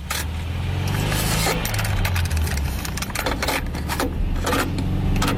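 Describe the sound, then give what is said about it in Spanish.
A car engine rumbles steadily, a deep continuous drone with occasional rattling and clicking noises layered on top for the whole stretch, no voices. “Un coche.”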